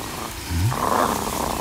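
A cheetah purrs in the African savanna in the morning, a low, rough rumble that rises briefly and then settles into a steady, grainy drone with no voices over it.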